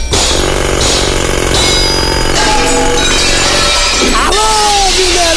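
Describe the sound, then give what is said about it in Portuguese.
Heavy hammer blows ring out on a construction site in Minas Gerais, striking roughly once a second with a metallic clang over constant loud rumbling machinery and clatter. “Tá vendo? Ó, o martelo. Ó, o martelo comendo lá, ó.”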